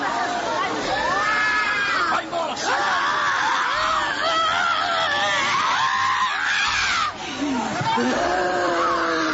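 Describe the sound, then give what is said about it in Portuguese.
A person screams loudly and almost nonstop in long, wavering cries during an exorcism, over a busy background of other voices shouting and talking at once. “Grita para Jesus queimar.”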